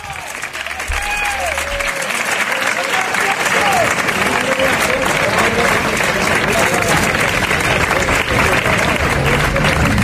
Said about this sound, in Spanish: Lo primero de todo, un abrazo enorme a la memoria y a la familia de Pepe Habichuela. Estas son las palmas a la entrada del féretro en la tarde de ayer.